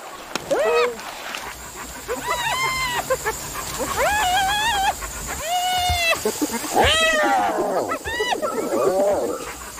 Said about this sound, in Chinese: 这是猎狗